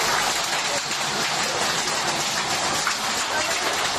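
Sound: hail falling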